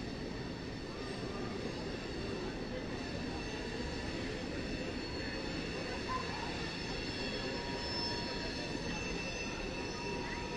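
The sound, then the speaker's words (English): A train rumbles past with a loud, steady roar and high metallic screeching from its wheels, sustained throughout without letting up. “Two balls and no strikes on Simpson as that train goes screeching by.”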